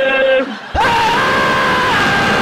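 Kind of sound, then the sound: human body sound, man yelling loudly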